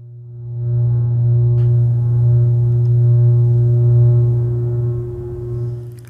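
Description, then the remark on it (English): An early computer program sounds a tone through a loudspeaker: one low, buzzy electronic note with rich harmonics, held steady and loud for about five seconds before fading, with no voices. “would pass impulses to the loudspeaker in a diatonic tone, a diatonic scale, and there after to extend the program to controlled execution of tones and the playing of what might be called music.”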